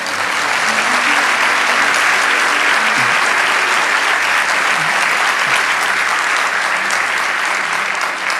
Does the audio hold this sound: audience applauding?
yes